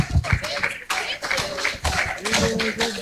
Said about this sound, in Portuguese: Amém, igreja? Palmas bem forte, bem alegre, que é para Jesus. Aleluias.